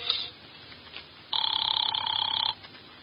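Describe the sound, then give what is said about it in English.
A telephone bell rings once in a single sustained, bright trill lasting about a second, fairly loud against a quiet background; the phone is beside a bed in an apartment. “Here's where the phone is.”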